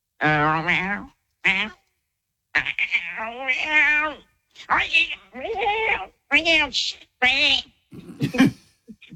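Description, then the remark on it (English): A person vocally imitates a cat, producing a series of drawn-out, wavering meows and mews in quick succession, fairly loud, with brief pauses between each cry. “You're a good cat”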